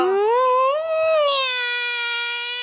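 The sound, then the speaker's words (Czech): A person does a long, drawn-out imitation of a cat's meow: a single nasal, wavering cry that rises in pitch, then levels off and holds steady before fading, with no other talking. “Hele, mňoukej, nebo dostaneš pár facek.”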